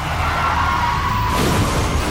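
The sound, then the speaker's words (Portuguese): A car crashes and rolls over, a loud, continuous rush of grinding, scraping noise that shifts character partway through, with no voices heard. “Chefe está capotando.”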